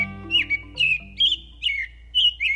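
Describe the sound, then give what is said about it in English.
A robin sings a series of about seven short, high, chirping phrases in a steady rhythm, clear and fairly loud, with a faint low tone fading beneath the first second. “A robin tugging an earthworm from the ground is a symbol of spring.”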